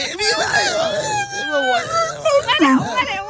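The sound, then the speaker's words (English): A person makes high, wavering whining and whimpering sounds in imitation of a dog pleading at a door to get back into the house, several rising and falling cries in quick succession, fairly loud. “You're like my dog trying to get back in the house.”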